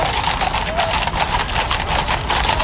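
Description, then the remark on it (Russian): Hooves of a trotter horse moving at a trot beat out a quick, steady rhythm, fairly loud, over a constant wash of background noise. “Рысью бегают именно рысаки.”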